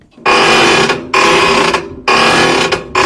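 A rusty door hinge creaks loudly in a steady back-and-forth rhythm, four harsh, grinding squeals, each lasting just under a second with brief gaps between, and no voices.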